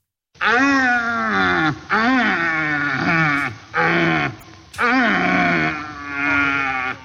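A red deer stag in the Allgäu, weighing about 200 kilos, roars during the rut in a series of five long, hoarse bellows, each rich in harmonics and rising then falling in pitch, loud and unbroken by any talking.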